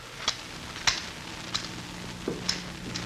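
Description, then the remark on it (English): Scissors snip several times at an uneven pace, each cut a short, crisp click against a quiet, faintly humming background with no voices. “It was a pair of scissors.”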